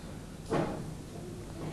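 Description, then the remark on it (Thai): A single short scrape of a chair being shifted across the floor by someone playing with it, a brief grinding burst over a quiet background hum, with nothing else happening before or after. “ครเล่นเก้าอี้ได้ยินนะคะ”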